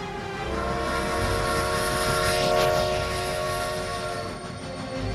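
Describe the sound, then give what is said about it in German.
A steam train rumbles past with its horn sounding one long, steady tone, swelling louder midway as it passes, then fading slightly toward the end. “Unser Vampir, 1894, kam mit der Eisenbahn.”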